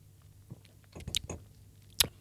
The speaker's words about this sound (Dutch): Ik moest het proeven, want... ik neem eerst even een slokje.